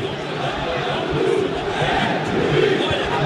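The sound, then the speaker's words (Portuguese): A large stadium crowd roars with sustained, rising jeers and boos at the referees as bottles are thrown toward them, a dense wall of voices heard from a distance that swells slightly in waves and never lets up. “Pois é, muitas vaias aqui agora nesse momento, até garrafas, inclusive, sendo atiradas na direção da arbitragem, ouça.”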